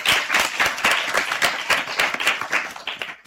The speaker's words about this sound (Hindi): आपकी बाल सभा में हम करते हैं आपका स्वागत तालियों के साथ।